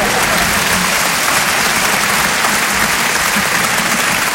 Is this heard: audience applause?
yes